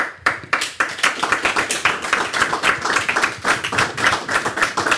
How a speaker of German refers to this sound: Da gibt es den Applaus.